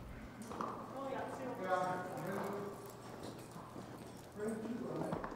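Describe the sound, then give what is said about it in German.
Steady clip-clopping of mule hooves plods along in an even rhythm, with a person talking over the hoofbeats throughout. The mules are a cross between a horse mare and a donkey stallion, used as riding and pack animals. “Mulis sind eine Kreuzung aus einer Pferdestute und einem Eselhengst. Sie sind gute Reittiere und ausdauernde Lastenschlepper.”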